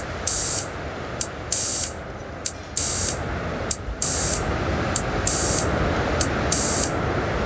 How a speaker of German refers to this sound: Und parallel dazu habe ich mich mit den kleinen Soundgeräten ein bisschen warm gemacht, der im Hintergrund schon laufen hört. Ah, wenn wir den Filter rauschen.